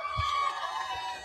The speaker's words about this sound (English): Fans kind of getting into it. You can hear them in the background.